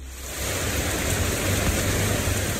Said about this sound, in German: Gerade noch knallte der Sonnenschein vom Himmel, dann aber entlädt sich ein Hitzegewitter mit heftigem Regen. Binnen Minuten steht die kleine Straße in Hamburg-Eppendorf unter Wasser.